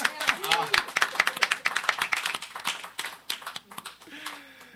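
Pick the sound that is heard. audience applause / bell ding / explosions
audience applause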